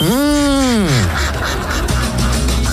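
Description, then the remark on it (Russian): A single loud, drawn-out goose honk rises and falls in pitch for about a second, then gives way to a dense, noisy background. “Ну вот есть гуси. Да. И есть лебеди.”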